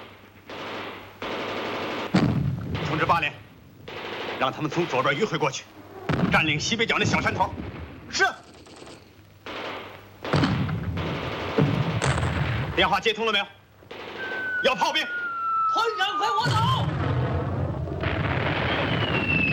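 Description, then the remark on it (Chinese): Dense, continuous gunfire and heavy booming blasts fill a battle, with enemy fire too heavy to advance against; loud, with bursts of rapid fire and a shrill whistling streak, while voices shout over the battle noise. “敌人火力太猛，上不去。”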